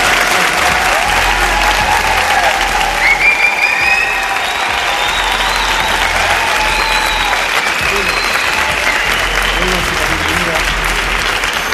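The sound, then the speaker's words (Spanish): An audience at the Palacio de Congresos in Albacete claps loudly and steadily for about twelve seconds, a dense, continuous wash of applause with scattered cheers rising above it. “El Palacio de Congresos de Albacete, que se sienta la fuerza de este lugar donde estamos, con un fuerte aplauso para que nos escuchen.”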